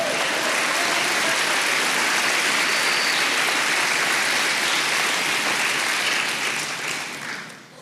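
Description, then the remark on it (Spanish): A crowd applauds the Lord steadily, a dense wash of clapping that stays loud for several seconds before tapering off near the end. No one speaks over it. “Vamos, denle un aplauso al Señor.”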